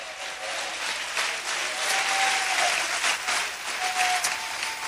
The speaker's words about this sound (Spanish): Dele fuerte ese aplauso a Cristo en esta hora.